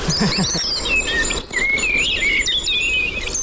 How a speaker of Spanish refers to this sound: Mirlo común.